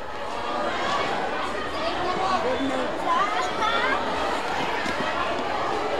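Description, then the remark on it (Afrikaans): A dense stadium crowd roars and chatters continuously after a match, celebrating, a steady wash of many voices with occasional louder shouts and cheers rising out of the noise. “soos u self kan hoor aan die buitenkant, as die skare hardbeser om feest te vier.”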